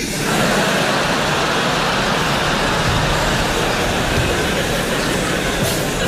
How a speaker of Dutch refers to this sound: Hebben ze me op de tram gezet, kon ik die van mijn route afwerken. Lijn 11 naar het strand, dat was wel geinig eigenlijk, hè? Jekkers, daar hoef je geen flikker meer te doen, je hoeft niet eens meer te sturen, alleen maar gas geven.